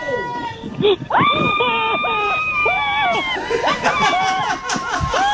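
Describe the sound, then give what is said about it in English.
A woman lets out long, loud, high-pitched screams that rise and waver for several seconds as she is dropped, with a murmur of other voices and commotion in the background. “she wasn't a screamer. She screamed.”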